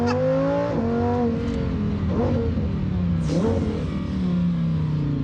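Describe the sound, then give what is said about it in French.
A race car engine screams loudly and continuously through a hill climb on a road that is usually open to traffic, its pitch rising and then dropping sharply at a couple of quick gear changes before climbing again, the car running hot near the end of the climb. “Mais ce que tu me disais, c'est que la voiture commence à être chaude à la fin de la course de côte, en fait.”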